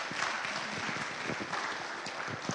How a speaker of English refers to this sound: So without further ado, I'm going to hand the mic over to them so they can share about their missionary work in Peru. Will you warmly welcome them with a round of applause?